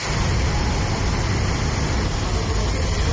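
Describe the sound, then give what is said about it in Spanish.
A steady, heavy roar of floodwater from a flash flood rushes through the completely flooded streets of the town of Madrigueras, a dense and constant wash of noise with a deep low rumble and no voices. “Es el agua discurriendo por las calles del municipio completamente anegadas.”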